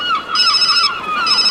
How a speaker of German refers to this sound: Plötzlich klingelte das Handy.